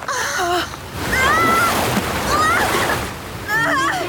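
Loud, steady rush of a river current splashing and churning throughout as a person is swept away downstream, with several short wordless vocal cries rising and falling over the torrent.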